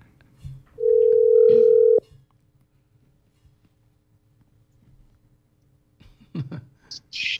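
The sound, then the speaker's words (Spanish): A single steady electronic ringback tone of a phone call sounds for about a second, loud, followed by quiet and then brief clicks and faint rustling near the end. “Ya, pero pues llámalo para despedirnos.”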